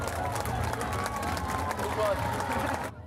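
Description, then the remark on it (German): A lively outdoor crowd claps and cheers steadily as the first kindergarten children reach the finish of a run, with scattered voices mixed into a dense, continuous wash of applause that cuts off abruptly at the end. “Hier kommen schon die ersten Kinder ins Ziel. Einen donnernden Applaus.”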